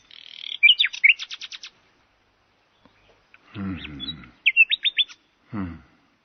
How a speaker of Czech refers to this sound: Ať tedy zpívá. Zpívej, jak nejlíp dovedeš, Slavíku.